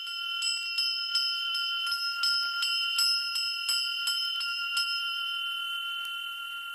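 A sleigh bell of the "Dar Valdaya" (Gift of Valdai) type, named for its cast inscription, rings continuously, its clapper striking again and again in an uneven shaking rhythm while bright, sustained metallic tones hang over each hit. Fairly loud, with no voices.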